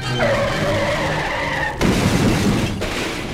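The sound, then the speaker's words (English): A car driving up on the sidewalk goes out of control: its tires squeal in a long, loud skid, then a heavy crash of impact bursts in, followed by a second rough thud and rattling debris, with no voices. “Flinging their ropes so that they catch onto a ledge two stories up on the building behind them, the two clamber up out of harm's way as the killer car, driving right up on the sidewalk, goes out of control.”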